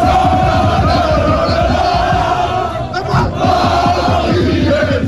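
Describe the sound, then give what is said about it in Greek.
A large crowd of fans in Paris chants slogans and roars continuously and loudly for the whole stretch, celebrating a Champions League win, with a couple of brief crackling bursts from flares cutting through the noise around the middle. “Βεγγαλικά και συνθήματα συνθέτουν το εορταστικό σκηνικό στην πόλη του Φώτος.”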